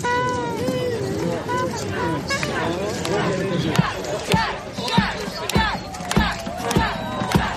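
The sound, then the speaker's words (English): A lively crowd cheers and shouts, with many overlapping voices whooping together, and sharp claps or thumps punctuate the din in the second half, as a procession marches to the top of a steep slope where the growing crowd awaits. “The procession marches to the top of a steep slope where a growing crowd eagerly awaits.”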